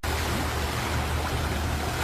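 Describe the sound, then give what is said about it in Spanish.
Steady, full-bodied Pacific Ocean surf rushes continuously, a broad wash of breaking waves with a deep low rumble underneath, fairly loud, with no voices present. “¿Escuchas eso? Son las olas del Pacífico llamándote.”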